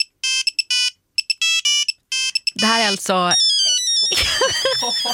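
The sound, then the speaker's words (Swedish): A Nokia 3210 mobile phone ringtone plays a quick, bright electronic melody of short beeping notes for a couple of seconds, then a person starts talking as the tone fades. “Så här lät det på redaktioner för 20 år sedan när jag ringde. Alltså, är det sant? Ja, det här var en Nokia 3210.”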